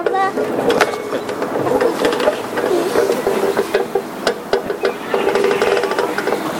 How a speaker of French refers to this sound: Maintenant, le bruit du grincement du poteau de la balançoire.